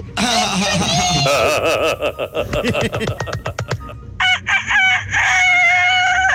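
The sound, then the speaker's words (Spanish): Someone does a loud, strained imitation of a rooster crowing, with a long warbling cry, a burst of quick choppy syllables, then a second shrill crow. “Si yo fuera un gallo, yo fuera un gallo kikiriki. ¡Kikiriki!”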